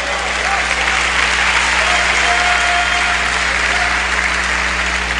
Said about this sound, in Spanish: Este es el poder de la palabra de Dios. Denle fuerte el aplauso al Señor, hermanos.